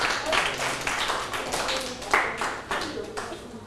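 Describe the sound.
A group in a classroom breaks into steady applause for a student who answered the teacher's question, many hands clapping in a dense, uneven patter that holds for several seconds, with a murmur of voices underneath.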